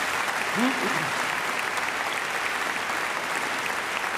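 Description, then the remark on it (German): Steady audience applause, a dense wash of many hands clapping at an even level throughout, with a brief voice-like murmur near the start. “So, das ist eigentlich ein Applaus wert, finde ich, oder nicht?”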